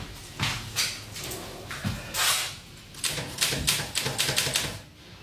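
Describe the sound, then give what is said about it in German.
Typewriter keys clatter in uneven bursts, with sharp mechanical strikes and a couple of heavier clunks, moderately loud, with no voices. “Die Schreibmaschine.”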